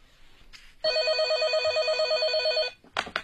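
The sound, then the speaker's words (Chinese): A telephone bell at a police criminal investigation unit rings in one long, continuous burst of rapid trilling for about two seconds, loud, then cuts off abruptly before a brief clatter like a receiver being picked up. “当有关媒体报道了三六案件嫌疑人落网的消息后，有不少关心此案的人给803刑侦组打来电话”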